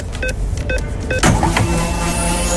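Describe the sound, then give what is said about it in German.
Sound effect on Radio Regenbogen marking a free fuel card being topped up during the programme: three quick, bright electronic blips in a steady rhythm, then a loud whooshing swell that settles into a shimmering, sustained high chime. No one speaks. “Achtet gerne drauf, sobald wir die Karte mitten im Programm aufladen.”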